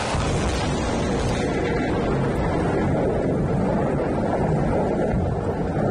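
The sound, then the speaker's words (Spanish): Storm wind and rain over the fire at the Peñas de Riglos in Aragón make a loud, steady, unbroken roar that fills the whole clip, a dense rushing wash with no voices and no distinct pauses. “Como si fuera una coreografía de la naturaleza, las tormentas han dejado en las últimas horas esa furia particular que tienen contra el fuego de las Peñas de Riglos.”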